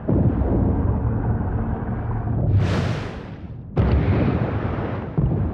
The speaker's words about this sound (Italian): È una nave da ricerca sismica. Sta cercando nelle profondità la presenza di idrocarburi. Usano le esplosioni per determinare cosa ci sia sotto il fondo del mare.